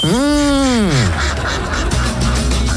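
A single loud, drawn-out goose honk rises and falls, followed by a couple of seconds of rough, noisy background bustle.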